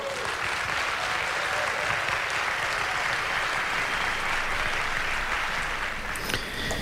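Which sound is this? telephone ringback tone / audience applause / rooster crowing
audience applause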